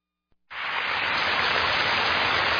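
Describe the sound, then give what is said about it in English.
A steady spring rain shower sound effect starts abruptly after a brief click, a dense, even hiss of falling water that holds at a constant loud level with no voices. “All these spring showers gonna bring us May flowers, right?”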